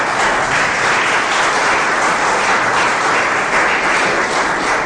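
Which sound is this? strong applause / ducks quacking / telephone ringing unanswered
strong applause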